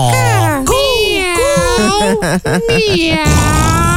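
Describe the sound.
A person on a radio show imitates a pig as a favourite animal noise, making loud, wavering, high-pitched squeals and grunting warbles that slide up and down in pitch, running almost continuously for several seconds.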